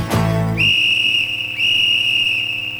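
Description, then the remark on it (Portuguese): A referee's whistle blows loud and shrill in one long sustained blast, briefly breaking near the midpoint before continuing, following a short burst of low rumbling noise at the start. “Apito árbitro da Eletrocasa!”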